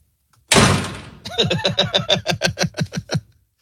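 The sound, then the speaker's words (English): A heavy, noisy thump opens it, followed by a quick, steady run of about a dozen resonant knocks on a door, fairly loud, fading off at the end. “Who's at the door?”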